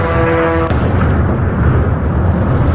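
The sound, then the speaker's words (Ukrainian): A Russian strike drone's steady droning whine cuts off in a sudden loud explosion as it hits a kindergarten building in central Sumy, Ukraine, around 10:30 in the morning, filmed by eyewitnesses, followed by a heavy, sustained rumble and roar for a couple of seconds. “Влучання одного із них вдалося зафільмувати очевидцям.”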